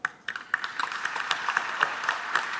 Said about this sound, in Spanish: Yo les quiero brindar un reconocimiento y un aplauso.